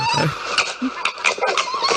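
A fox calls in a rapid series of harsh, high-pitched chattering yelps, with sharp bursts recurring every few tenths of a second over a continuous raspy wail, and no voices.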